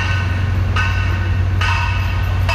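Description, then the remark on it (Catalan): Heavy construction machinery at the L9 metro works in El Putxet, fitted with protective elements that reduce the noise by 63 decibels, drones loudly and steadily with a deep rumble and a whining tone, and a harsh hissing blast repeats roughly every second. No one speaks. “I això que hi ha uns elements de protecció damunt de la maquinària que rebaixen el soroll en 63 decibels”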